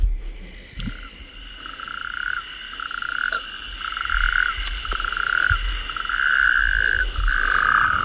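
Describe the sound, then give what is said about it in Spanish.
A natterjack toad calls in loud, rattling trills that repeat in bursts over a steady high-pitched hum of night insects. No one speaks. “Un sapo corredor.”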